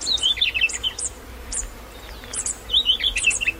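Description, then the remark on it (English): High, thin superb fairy wren calls come in quick bursts of rapid chirps and trills, pausing briefly mid-clip before a busier run at the end, over a soft low background hum. “The females even teach these calls to their partners and use them in their own begging calls when the males return to the nest with food.”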